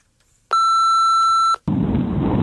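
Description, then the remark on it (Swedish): A single steady electronic voicemail beep, about one second long and loud, followed by a brief silence and then a rough, noisy background hiss as a phoned-in voicemail message begins. “Dags att lyssna in oss på röstbrevlådan.”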